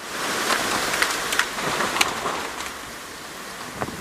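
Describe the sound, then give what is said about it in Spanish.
Steady heavy rain hisses across the whole stretch with a rushing, windy roar, punctuated by scattered sharp taps and spatters of drops hitting surfaces. A storm with strong wind in Douglas County, Colorado. No voices. “El condado de Douglas, Colorado, fue azotado con un látigo de tormentas y vientos que dejaron destrucción en varios barrios de la zona.”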